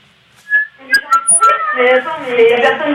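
A seagull calling: a short, high cry followed by a busy run of overlapping, harmonic wails that stay loud to the end, with no talking.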